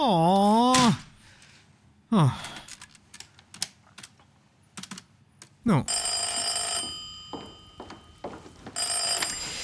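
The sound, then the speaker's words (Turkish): A telephone rings in loud, warbling bursts, with a longer sustained electronic ring near the end, while quick keyboard-like clicks tap away in the gaps between rings. “Çok kaldır o şeyi be adam!”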